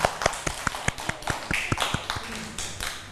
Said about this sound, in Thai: เด็กๆเก่งมากค่ะปรบมือให้ตัวเองด้วยค่ะ